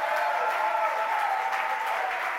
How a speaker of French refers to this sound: Est-ce qu'on peut applaudir le Seigneur Jésus ce matin? Alléluia!